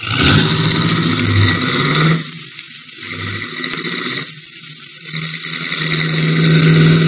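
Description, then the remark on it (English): A car engine revs hard and accelerates as the driver is told to step on it, surging loudly, easing off briefly in the middle, then roaring up again. No voices are heard. “In that case, we will use your car instead of mine, and you can be the chauffeur. Step on it.”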